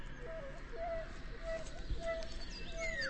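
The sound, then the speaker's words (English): Birds call in a steady series of short, clear whistled notes, with a higher falling chirp near the end, all over a soft, continuous background hum. “Just about lunchtime with … and the birds.”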